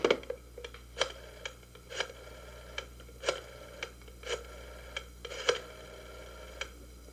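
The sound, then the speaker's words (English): A telephone being dialed at a hospital to call a doctor about an emergency: a series of sharp clicks and short bursts at uneven intervals, fairly quiet over a low steady hum, with no voices. “It's ringing.”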